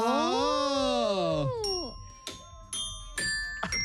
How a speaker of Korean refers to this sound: 자, 딩동댕동. 딩동댕동. 네. 맞아요.